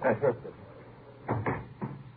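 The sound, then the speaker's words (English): A door is pushed shut with a series of dull wooden clunks and thuds: a quick pair at first, then two more knocks and a final softer bump, with no voices. “Close the door, huh?”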